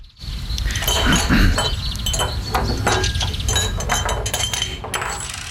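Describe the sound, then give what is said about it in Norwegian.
Steady, busy clinking of glassware, many sharp chinks in quick irregular succession, with a brief throat clearing near the start. “Da er det flere av dere lyttere som mener, og foreslår blant annet litt sånn kremt og klirring.”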